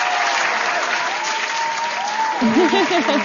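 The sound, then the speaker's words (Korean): Steady applause from a group fills the whole stretch, dense and continuous, while a voice speaks and laughs over it near the end. “어머, 갑자기 박수.”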